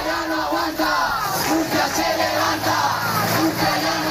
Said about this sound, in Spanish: Agitando las llaves de sus casas y al grito de Murcia ya no aguanta, Murcia se levanta. Los vecinos, convocados por el Sindicato de la Vivienda, han arremetido contra lo que llaman violencia inmobiliaria.